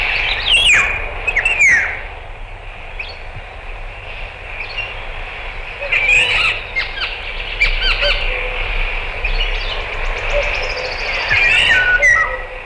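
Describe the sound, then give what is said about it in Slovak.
A woodpecker calls in a forest with loud, harsh squawking bursts that come in scattered clusters and stand out over a steady outdoor background hum. “A žlna klebetnica oznamuje v lese, chytili ju, keď v hore kradla drevo.”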